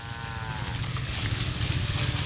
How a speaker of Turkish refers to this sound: İnekler iyi bir hızla ilerliyor ve sular yükselmeye başladı. Bu biraz endişe verici çünkü sahil üzerinde geçmesi çok zor olan bazı yerler var. Ve sürüyle birlikte burada mahsur kalmak istemeyiz.